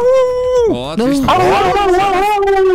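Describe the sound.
A person imitates a wolf howl: one loud, sustained voiced tone that dips sharply in pitch, climbs back up and holds a wavering note for nearly three seconds.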